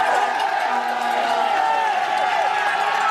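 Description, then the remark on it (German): A large crowd at the Alpe d'Huez mountain finish of the Tour shouts and cheers without pause, many overlapping voices forming a loud, steady roar with scattered higher yells rising out of it. “Ja, da schreien sie.”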